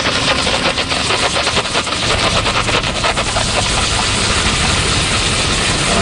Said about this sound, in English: And what we do is turn on the steam button. We place the steam right on the gum and inject the chemical and motion.